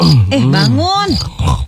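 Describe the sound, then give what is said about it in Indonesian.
A voice imitates snoring with loud, drawn-out nasal groans that glide up and down in pitch, followed by a couple of shorter snorts. “Ih, kamu tuh tidurnya ngorok.”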